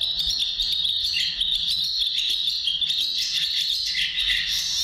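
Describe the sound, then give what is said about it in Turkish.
The song of a bird called kakırlangıcı in Turkish: a rasping call churns on in a steady, chattering 'çıkıdık çıkıdık' rhythm with a scratchy, back-to-front feel. It is fairly loud and unbroken, over a dense high buzz, and nobody speaks. “Kakırlangıcının ötüşü. Çekmeli bir sesi var. Yani böyle tersten çalıyormuşsun gibi. Çıkıdık çıkıdık diye devam ediyor.”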